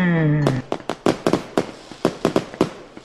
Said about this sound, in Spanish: Espérate, ¿no ves que estamos tronando unos cohetes, güey?